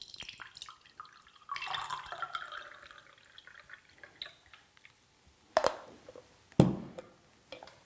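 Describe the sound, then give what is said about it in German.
A drink of elderflower, lemon balm and mint topped up with mineral water pours and trickles steadily through a sieve for a couple of seconds, fading to faint dripping, followed by two sharp metallic taps of the strainer. “Und ist bereits trinkfertig, beziehungsweise werde ich es durchsieben.”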